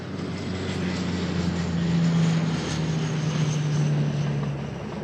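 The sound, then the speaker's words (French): A steady, loud drone of firefighting aircraft engines, civil security helicopters, Dash and Canadair planes, passing overhead over a wildfire zone, with a sustained low propeller hum that shifts slightly in pitch over a few seconds, no voices. “On va vous montrer justement ces hélicoptères, ces dash, ces canadair qui survolent la zone.”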